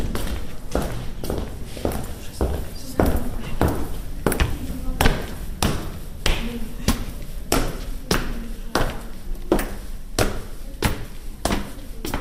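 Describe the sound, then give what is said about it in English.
Steady footsteps climb a stone staircase inside a red-brick Teutonic castle, each step a firm thud in an even rhythm that carries on throughout, with faint voices in the background. “So now it's one of the staircases we take.”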